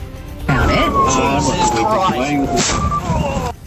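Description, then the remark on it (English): A siren on a personal car wails in a slow downward sweep, loud, with indistinct voices and traffic noise mixed underneath for a few seconds, as the car, blue lights on, allegedly travels 30 km/h above the speed limit in Perth. “Extraordinary dashcam capturing the moment he crashed head-on with another car in Perth, allegedly travelling 30 kilometres above the speed limit with blue lights and sirens activated on his personal vehicle.”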